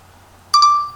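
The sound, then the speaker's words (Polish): A voice recorder app gives a bright electronic beep, a quick double blip that flows into a short sustained tone, clear against a quiet background with no talking, as recording starts and stops: one beep for the start, two for the end. “Jedno piknięcie jest na start. I dwa jest na koniec.”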